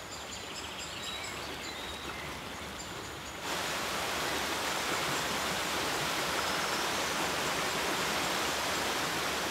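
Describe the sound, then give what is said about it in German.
Rainwater trickles and rushes steadily through many small streams, with birds chirping faintly over it at first; after a few seconds the flowing water grows louder and fuller, with no voices. “Regenwasser sammelt sich in vielen kleinen Bächen.”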